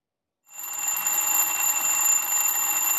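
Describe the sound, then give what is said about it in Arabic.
An alarm clock rings loudly and continuously to signal time to get up for work, a dense metallic jangle that starts abruptly after a brief silence and keeps going without pause. No one speaks. “إنه المنبه، دق جرسه ليخبرك بأنه حان وقت النهوض من النوم والذهاب إلى العمل.”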